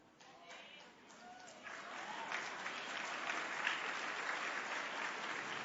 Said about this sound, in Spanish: No sé por qué el aplauso de las mujeres fue muy tímido, pero está bien, por respeto a sus esposos, está bien, pero yo las veo así como aplaudiendo, como...